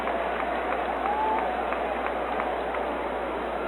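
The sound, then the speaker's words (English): A crowd at a baseball game claps steadily in a sustained, dense round of applause after Big Rapids Mayor Jed Fredner announces the hot dogs are on his tab, fairly loud, with faint murmuring voices mixed underneath. “And Big Rapids Mayor Jed Fredner gets a nice round of applause after announcing that the hot dogs will be on his tab during the remainder of tonight's contest.”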